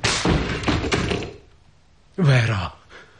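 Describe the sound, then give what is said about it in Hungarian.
A door is banged hard several times in quick, heavy thuds as someone tries to break it down, followed by a brief pause and then a loud shouted voice. “Rám törj az ajtót!”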